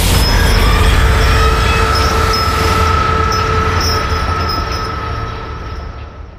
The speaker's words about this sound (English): The final apparition is a phantom train that can be heard roaring out of the gym and shaking the walls of the hallways as it passes through its old route where the school was built.